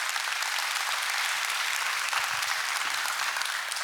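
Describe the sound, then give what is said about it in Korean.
A large audience claps steadily for a Gumi Mueul Nongak farmers' music performance from Gumi, North Gyeongsang, Korea, a dense, continuous wash of applause that stays loud and even throughout, with no voices standing out. “이분들께 다시 한번 힘찬 박수 부탁드립니다.”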